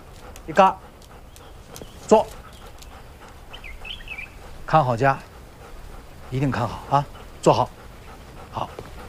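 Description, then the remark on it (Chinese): A dog named Yiga whimpers in short, high-pitched bursts spaced a second or two apart, with soft panting between them and a voice speaking quietly at times, telling the dog to sit and guard the home. “一嘎，来，一嘎，坐，看好家，一定看好啊，坐好。”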